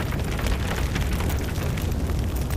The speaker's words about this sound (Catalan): Si pensem en un incendi forestal i això que sentiu, el foc que crema, les cendres, el residu de la tragèdia, aquell mantell negre que queda quan el foc s'apaga.